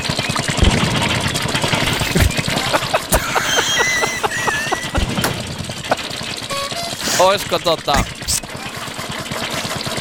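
The engine of an old-model Opel Mokka runs steadily with a broad, rough drone, punctuated by irregular sharp clicks and knocks; brief voice-like sounds appear partway through.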